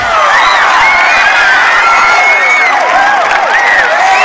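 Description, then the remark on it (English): A large crowd at a school dance cheers and shouts loudly and continuously as a man is carried to the stage, voices overlapping in an excited roar with occasional whoops rising above the din. “Running his fingers through his hair, he hurries through the crowd. They carry him to the stage.”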